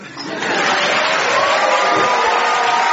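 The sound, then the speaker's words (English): An audience applauds Mark Watson at the opening of the radio show Mark Watson Makes the World Substantially Better, a dense wash of many hands clapping that swells quickly in the first moment and then holds steady and fairly loud throughout, with a faint murmur of voices mixed in. “If you want, you can clap him.”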